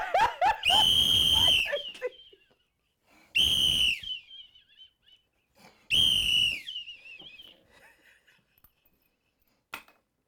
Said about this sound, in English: I'll blow my whistle till my throat hoarse.